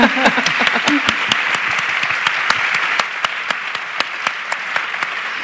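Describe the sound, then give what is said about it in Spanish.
An audience applauds the speaker's life partner, who is present; a steady, dense patter of many hands with sharp individual claps standing out, loud at first and thinning slightly toward the end. “Pues bueno, pues aplauso para también ella.”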